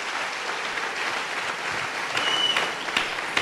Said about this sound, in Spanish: Dele un buen aplauso al Señor y dele la gloria a Dios. Amén. Aleluya.